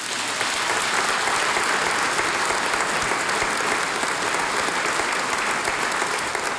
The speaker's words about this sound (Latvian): Aplausu māksliniekam.